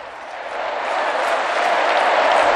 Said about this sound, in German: Tosender Applaus für Papst Leo